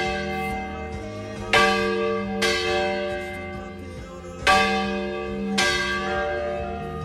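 Church bells ring out a festive peal announcing the town's main festival (festa major), with several bright, resonant strikes landing in an irregular rhythm over a sustained, humming wash of lingering tones, clear with no voices.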